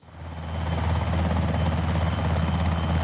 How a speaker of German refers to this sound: Ein Hubschrauber setzt zur Landung an. Nicht auf dem Dach der Klinik, sondern auf einer Wiese davor. Der Rotor wirbelt Gras und Staub auf. Es ist laut, unübersichtlich, genauso wie es auch im Ernstfall sein könnte.